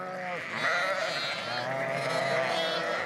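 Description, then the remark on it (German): Several sheep bleat over one another in a steady, overlapping chorus, their wavering, nasal calls filling the whole stretch at a fairly loud level with no talking. “Stehen die Schafe erst einmal auf dem Deich”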